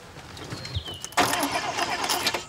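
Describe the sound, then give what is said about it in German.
A car engine cranks with a grinding, whirring starter sound as someone sits in and tries to start it, beginning abruptly and churning without catching, loud, after a faint high whine. “Setz dich mal rein und starte. Ich? Ja, du. So? Springt der nicht an?”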